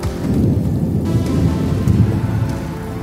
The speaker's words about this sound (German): Gewitter in den Bergen, ich hasse das wie die Pest.